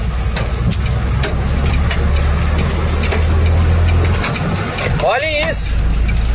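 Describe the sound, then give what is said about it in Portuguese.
Hailstones larger than chicken eggs pound a vehicle on the road toward Santo Ângelo, near the Guarani junction in northwest Rio Grande do Sul, Brazil, in a dense, loud clatter with sharp individual impacts over a low idling engine rumble. A person speaks briefly near the end. “Agora tá descendo as pedras maiores que ovo de galinha.”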